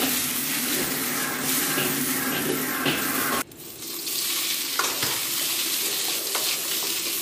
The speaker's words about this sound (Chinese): 热锅烧油，姜片爆香。